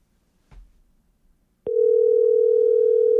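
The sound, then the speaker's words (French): A soft low thump, then a steady electronic telephone ringing tone of an outgoing call that nobody answers at the other end starts abruptly and holds at an even, fairly loud level to the end. No one speaks. “C'est-tu notre téléphone, coudon? Non, c'est pas notre téléphone. Mais non, il fonctionne, ça sonne.”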